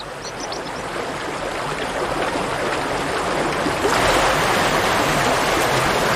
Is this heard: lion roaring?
no